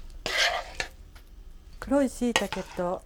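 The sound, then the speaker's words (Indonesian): A short scrape and clatter of utensils against a dish, with a few sharp clinks, as a cooked dish of dark mushrooms and green beans in thick, glossy sauce is generously spooned into a large bowl; a voice follows briefly afterward. “それでは盛り付けをしましょう。大きめの器にたっぷりと盛ります。”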